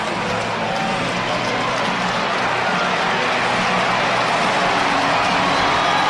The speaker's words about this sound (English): Listen to the crowd.